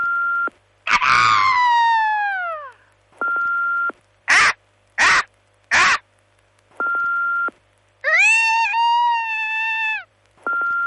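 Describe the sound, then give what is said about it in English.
Several voices take turns imitating a bald eagle's screech: a falling shriek, three quick sharp cries, then a long wavering call, each separated by short steady electronic beeps. “Max the Bald Eagle from Marathon here. We asked people if they could do an impression of me.”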